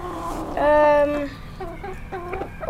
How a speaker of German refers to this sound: Wo sind wir denn jetzt? Wir sind bei den Hühnern.